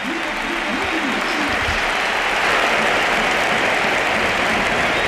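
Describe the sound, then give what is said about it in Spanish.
The crowd at the Pizjuán stadium stands and applauds Luka Modric steadily and loudly for the whole stretch as he comes on in a football match, with a rhythmic chant rising over the dense clapping early on. “Y la gente de pie, el Pizjuán de pie, aplaudiendo a Modric. Gesto precioso, coreando.”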